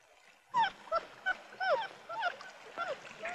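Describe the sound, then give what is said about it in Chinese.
A small puppy, brought as a gift, yips repeatedly in short, high-pitched bursts, about six or seven quick yelps in a row with brief pauses between them. “哎呀，小狗。 这个白大夫这么个狗娃娃也。”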